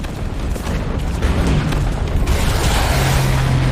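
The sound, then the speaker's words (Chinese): A loud, continuous barrage of heavy artillery and explosions as Soviet guns shell German positions at 2:20, booms overlapping into a dense, rumbling roar with no pauses and no voices. “在德军阵地上，重炮轰击声、爆炸声此起彼伏，震耳欲聋。”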